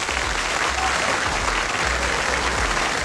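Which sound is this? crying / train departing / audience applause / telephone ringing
audience applause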